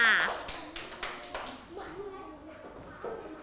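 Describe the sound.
A group of children claps in a loose, uneven scatter of sharp slaps, fairly loud at first and thinning out, with children's voices chattering underneath.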